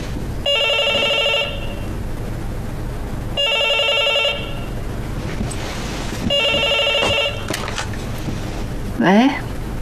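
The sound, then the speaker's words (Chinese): A hotel room telephone rings three times, each ring a steady electronic trill about a second long, evenly spaced and fairly loud over quiet background noise, followed by a brief rising chirp near the end. “哎，你怎么知道我房间的电话的？”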